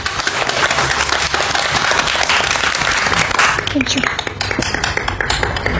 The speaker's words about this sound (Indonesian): Beri tepuk tangan untuk teman kita semua.